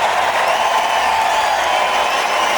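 Loud, sustained audience applause for the Hanse-Mädchen, a dense wash of clapping that holds steady throughout without pausing, with a faint murmur of crowd voices blended in and no clear speech.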